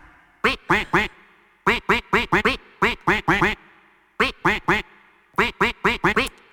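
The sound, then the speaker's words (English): A rapid series of loud, clear duck quacks strung into a rhythmic tune, grouped in phrases of three to five quacks with short pauses between, each quack at a slightly different pitch. “The duck is going to quack a melody. You have to guess what the song is.”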